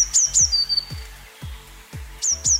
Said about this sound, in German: Ist richtig? Eine Blaumeise.